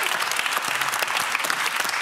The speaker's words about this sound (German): Da solltet ihr alle mal ganz laut klatschen. Ja?